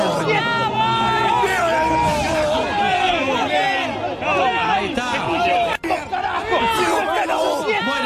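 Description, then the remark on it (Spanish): A dense crowd shouts at a political rally for Milei in Bahía Blanca, Argentina, many overlapping voices yelling and cheering in a loud, continuous roar, with one brief dropout partway through; a supporter shouts "sigo fiel a vos" to Milei. “Más allá del griterío, no sé si escucharon, que le grita, sigo fiel a vos.”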